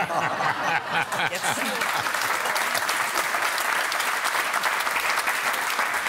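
A steady burst of clapping from a group, dense and sustained for several seconds, with a few voices and chuckles mixed in near the start.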